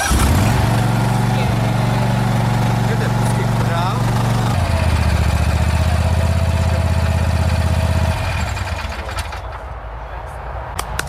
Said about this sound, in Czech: Povězte nám něco blíže k tomu zahradnímu traktůrku. Je to Vary RL102H. Ano, takže jedná se o klasický zahradní traktůrek na pravidelné sečení trávy se sběrem do koše.